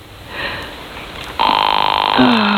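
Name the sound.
telephone dialing and ringing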